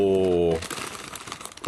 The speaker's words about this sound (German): es knistert ein bisschen, entschuldigt. Es ist ein Churro-Snack und zwar süßer Zimt-Churros.